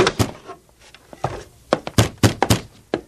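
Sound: door being opened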